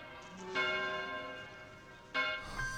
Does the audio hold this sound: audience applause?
no